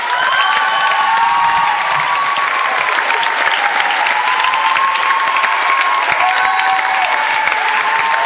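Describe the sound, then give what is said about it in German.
Sustained audience applause at a youth group's Heldentheater show as a performer is called onto the stage, a dense, steady wash of many hands clapping with some faint cheering and whistles, loud and continuous for the whole stretch with no speech over it. “Großen Applaus bitte.”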